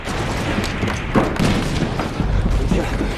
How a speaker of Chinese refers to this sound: 我管你周围的枪声是多么的猛烈